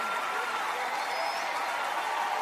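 A crowd applauds steadily, a dense wash of clapping that holds an even, fairly loud level throughout with no pauses or peaks.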